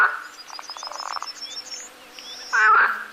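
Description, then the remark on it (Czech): Frogs croak loudly in a rapid, pulsing chorus, a rattling train of calls followed by a louder burst near the end, with faint chirping insects or birds in the background. “Žabe mecne rakotajú.”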